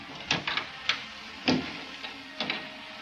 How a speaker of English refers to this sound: Better shut this door.